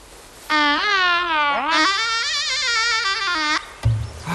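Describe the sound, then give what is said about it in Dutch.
A flute sounds two long, sour notes that waver and slide off pitch, the second swooping up and holding with a bleating wobble, followed by a short soft knock. “Oef, wat een lelijke klank. Die fluit, fluitmank.”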